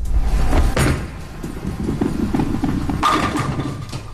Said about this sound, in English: Is it knocking down the pins? With what? A bowling ball? Correct.